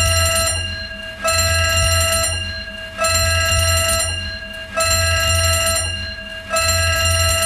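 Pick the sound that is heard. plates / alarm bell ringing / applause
alarm bell ringing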